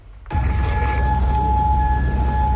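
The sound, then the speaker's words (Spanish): Air raid sirens, sounded after the Islamic Revolutionary Guard marked new US targets in the Persian Gulf, come on abruptly and hold a loud, steady, high tone without rising or falling, over a broad rumbling background. No one speaks. “Sonido de las alarmas antiaéreas que han sonado después de que la Guardia Revolucionaria Islámica haya marcado esta madrugada nuevos objetivos estadounidenses en el Golfo Pérsico como respuesta a los ataques”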